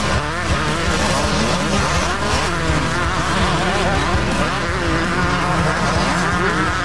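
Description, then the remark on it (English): Speedway motorcycles race around the track at Fast Fridays Motorcycle Speedway, their engines roaring loud in a dense, continuous snarl, with pitch rising and falling as riders rev and accelerate. “Gates open at 6:30 and the racing explodes onto the track at 8 p.m.”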